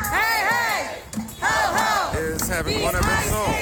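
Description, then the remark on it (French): A crowd of protesters outside a hotel housing ICE agents chants "ICE equals Gestapo" loudly in unison, voices rising and falling in repeated rhythmic phrases with shouting layered throughout, briefly dipping before the chant surges again. “On crie « ICE égale Gestapo ». À partir de là, les manifestations sont quotidiennes.”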